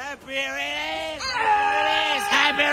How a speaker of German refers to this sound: Und es wird ordentlich gegrölt. Ich würde sagen, das ist Rockstar verdächtig.